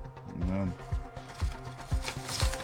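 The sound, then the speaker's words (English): Objects piled on a printer clatter and knock in a loose series of dull thumps, about four over a couple of seconds, with a faint murmur of voice underneath. “Shouldn't have piled that up on the printer there. Make a mess of everything.”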